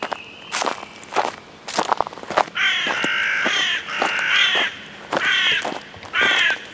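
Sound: footsteps walking outdoors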